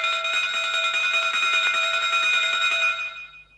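A train platform departure bell rings continuously for about three seconds, a loud, rapid metallic trill with a steady high pitch, then quickly fades away. No one speaks.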